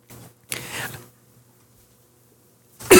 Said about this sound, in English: Apologies. I attempted to hold back a cough then, thinking that it'd just disappear, but it didn't. It did not.